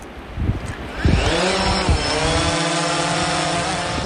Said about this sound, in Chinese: 为保障安全，考察组决定先用无人机进行观察。